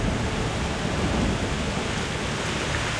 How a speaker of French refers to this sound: Dans quelques jours, ce sera la Mazika. La Mazika? Oh non! C'est le nom de la terrible mousson de printemps! Ce vent violent arrive de la mer en apportant une pluie torrentielle!